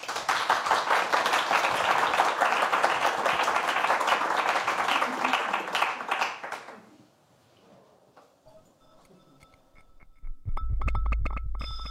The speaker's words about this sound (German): Und ja, ich sag mal so, einen großen Applaus für El Guernica, ein Hörbild.